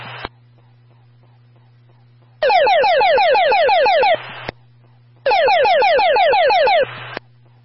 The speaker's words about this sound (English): That was a test of the emergency evacuation tone.